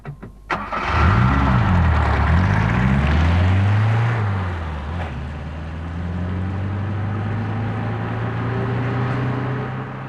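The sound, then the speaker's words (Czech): A car engine starts with a sharp click, revs up and down a couple of times, then settles into a steady running drone as the car drives; nobody speaks. “Odpoledne usedají do svého auta s důvěrou, nebo spíš s nadějí, že je do večera doveze do 200 kilometrů vzdáleného městečka, kde mají ten den koncertovat.”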